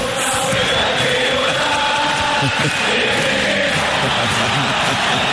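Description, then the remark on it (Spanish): A large crowd of San Lorenzo football supporters chants together in a dense, continuous roar, voices blending into a steady sung rhythm with occasional shouts rising above the mass. “Creo que lo canta mejor la hinchada de San Lorenzo que es un mimo para los hinchas de San Lorenzo.”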